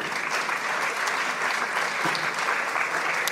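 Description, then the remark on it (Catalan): Steady applause from an audience at a sardana gala, welcoming the composer presenting her sardana, a dense wash of many hands clapping at an even loudness throughout, with no voices breaking through. “Un fort aplaudiment per ella, si us plau.”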